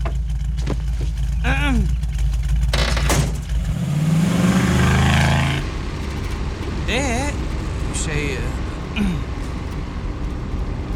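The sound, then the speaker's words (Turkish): A car engine rumbles steadily, then revs and rises in pitch as the car pulls away to drive someone home, with brief voices sounding over the low engine noise. “Peki dinle, seni eve atabilir miyim? Yani bırakabilir miyim demek istedim. Arabamla evine. Atla hadi.”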